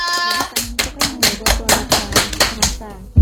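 Steady, rhythmic hand clapping: about a dozen sharp, bright claps at an even brisk pace, with a brief tonal voice-like sound at the very start.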